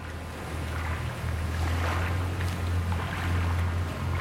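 The water of the River Thames in London laps and sloshes steadily against the bank, a continuous splashing wash heard alongside a low, constant rumbling drone, like a passing boat engine, with no voices.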